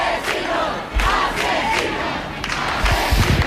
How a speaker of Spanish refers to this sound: Sonido directo de los vecinos gritando asesinos a quienes se la están llevando.